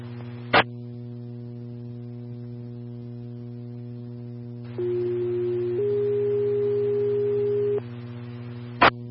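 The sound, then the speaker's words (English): Dispatch station alert tones sent as a test to the Medic 1 station: a steady tone for about a second, then a slightly higher one held for two seconds, over a constant electrical hum, with a sharp radio click before and after. “Medic 1, we received station tones.”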